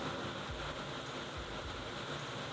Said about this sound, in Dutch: Ik dacht toen ik mijn microfoon openzette dat er ruis op mijn microfoon zat. Ik weet niet of ik dat kan laten horen, maar het is hier nu heel erg hard aan het regenen.